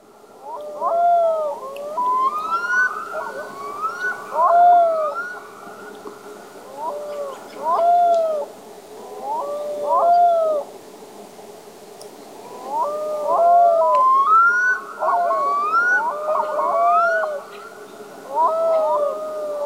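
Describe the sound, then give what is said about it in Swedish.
A black-throated loon, heard during a river hike, calls repeatedly in long, rising and falling wailing phrases, some stretching into a howl-like cry, over a steady low background hum with no talking. “man hör ju det här karaktäristiska storlomslätet, men så är det som ett yl också.”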